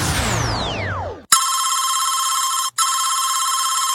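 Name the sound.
phone ringing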